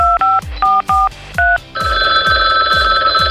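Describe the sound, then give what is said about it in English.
A quick run of five beeping telephone dial tones gives way to a steady, loud electronic ringing, with a thumping low beat pulsing underneath throughout, as a call is placed to Lord Cream's live business radio show. “Why don't we call in and see what Lord Cream thinks?”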